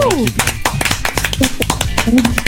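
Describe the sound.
Applause from a small group: a steady patter of sharp, bright claps running throughout, with voices calling out and talking over it at moments.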